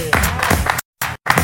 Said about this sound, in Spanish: Venga, un fuerte aplauso.